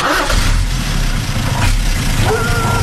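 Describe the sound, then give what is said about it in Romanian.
A large truck carrying a family away on the morning of their eviction from home turns over and settles into a loud idle, its deep rumble steady throughout with a few brief surges in pitch. “În dimineața evacuării din casă, când a pornit camionul cu noi, câinele a început să fugă în urma noastră.”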